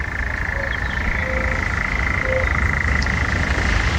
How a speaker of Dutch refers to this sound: Ja, daar zit iedereen op de camping lekker te luisteren naar de nachtzwaluw.